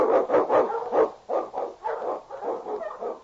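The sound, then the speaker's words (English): Husky sled dogs, led by the Eskimo lead dog King, bark excitedly in a rapid, overlapping string of about a dozen loud, mid-pitched barks over three seconds, with no talking. “On your husky! Wonder Dog King, swiftest and strongest Eskimo lead dogs, blazes the trail through storm and snow for Sergeant Preston as he meets the challenge of the Yukon.”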